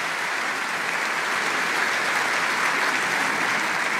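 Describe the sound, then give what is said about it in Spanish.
Steady, sustained welcoming applause from a church audience greeting visitors, a dense wash of many hands clapping at an even loudness for several seconds with no voices on top. “¿Qué tal si les damos un caluroso aplauso de bienvenida a todos estos hermanos?”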